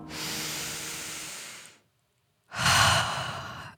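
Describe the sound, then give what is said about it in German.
A long, deep breath drawn in, followed after a short pause by a second, louder and rougher breath. No talking. “Endlich wieder gescheit atmen können.”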